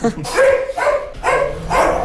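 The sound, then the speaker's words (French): Dogs bark loudly, about four sharp, throaty barks in quick, steady succession over a couple of seconds, on a farm as a horse goes to steal the goats' food. “Les chiens savent qu'il n'a pas le droit de faire ça.”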